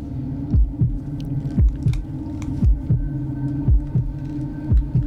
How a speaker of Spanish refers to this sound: Hoy los invito a poner quietecitos para poder escuchar el latido del corazón. Escuché muy bien estos latidos en este momento.